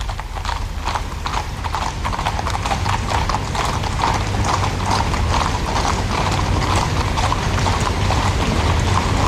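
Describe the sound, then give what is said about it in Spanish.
Many horses of the Royal Guard's mounted service clip-clop on pavement in a steady, overlapping procession, fairly loud, with a faint rattle of tack and no talking. “lleva un estandarte en la cual vemos los crines de las tres diferentes capas que conforman el servicio a caballo de la Guardia Real.”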